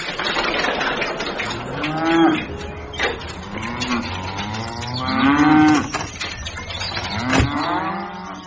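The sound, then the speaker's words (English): Several cows moo repeatedly outside, their long, low calls overlapping in a steady chorus, with a busy outdoor background beneath. “what was that you were doing to that cow outside?”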